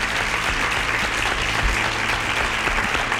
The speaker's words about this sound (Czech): Tleskám vám.